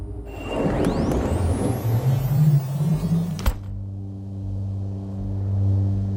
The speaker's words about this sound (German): Wir fahren weiter.